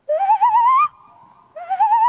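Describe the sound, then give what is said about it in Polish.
A man imitates a tawny owl call: a loud, slightly wavering hoot that rises in pitch, a brief soft pause, then a second rising hoot. No talking. “Ten dźwięk, który przedstawię zaraz, robię wiele lat, ale nie wiedziałem, że to jest puszczyk.”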